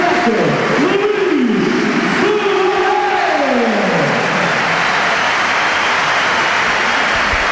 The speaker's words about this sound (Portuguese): Só aplausos. Só aplausos de Alvalade.